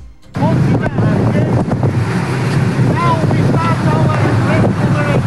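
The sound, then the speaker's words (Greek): A Greek coast guard boat engine rumbles loudly and steadily on open sea near Gavdos, Greece, as it picks up 37 migrants, with strong wind buffeting and sea noise throughout, and indistinct voices calling out faintly over the din. “Το σκάφος του λιμενικού τους παραλαμβάνει και τους μεταφέρει με ασφάλεια σε προσωρινή δομή φιλοξενίας.”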